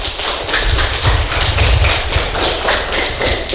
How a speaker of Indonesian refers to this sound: Dan kali ini pendengar, kita akan bersama dengan adik-adik atau teman-teman kita dari SD Impreste Tandara ND. Kita kasih tepuk tangan yang meriah dulu.